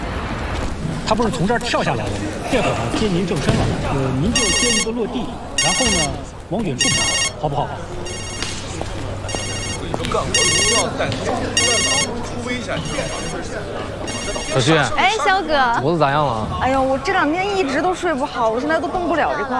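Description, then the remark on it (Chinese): A mobile phone ringtone sounds in a series of bright, repeating bursts for several seconds on a film set, where someone has been calling repeatedly. It is mixed with busy chatter and the voices of several people talking. “哎，对了，有人一直给你打电话， 跟我说好，知道吧？”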